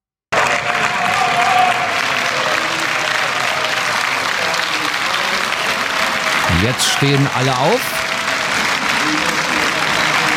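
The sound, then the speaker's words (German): Loud, sustained applause and cheering from AfD members in the European Parliament in Strasbourg after a return regulation was passed, with a few shouted bravo calls rising above the clapping near the end. A voice speaks briefly over it. “Sie klatschen, sie jubeln. Man hört auch sowas wie Bravo-Rufe.”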